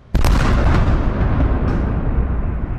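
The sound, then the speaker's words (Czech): A sudden loud blast opens into a sustained, heavy rumble, with several sharp bursts cracking through it: explosions and air-defence fire in Odesa, Ukraine, after three in the morning during a strike by Shahed-type drones. No one speaks. “Jsou sice zvyklí už na všechno, ale intenzita explozí i práce protivzdušné obrany sílily.”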